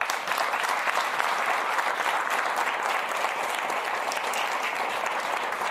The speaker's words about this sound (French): Et j'ai une pensée spéciale quand même pour Mme Fréchette. Et je la remercie d'avoir servi le Québec dans les derniers mois et je propose qu'on l'applaudisse.